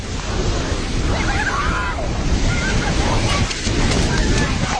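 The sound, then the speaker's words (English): Floodwater from flash floods in the Himalayan valleys on the Nepal–Tibet border roars and rushes in a loud, continuous torrent, a dense churning wash of turbulent muddy water surging through the mountains, carrying off a bridge and collapsing buildings, steady throughout. “Video shows the force of the flood carrying off a bridge and collapsing buildings as muddy water surges through the mountains.”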